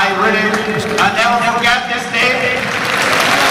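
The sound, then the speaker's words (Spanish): A large crowd of FC Barcelona fans applauds steadily, a dense, continuous wash of clapping that fills the whole moment while Hansi Flick's voice carries on over the top in English through amplification. “Aplaude a la gente.”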